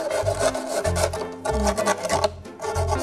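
Sandpaper rasps steadily against the sharp cut edges of a plastic bottle being made into a plant pot, in repeated back-and-forth strokes, a rhythmic scratchy rubbing that pulses roughly every half second with no talking.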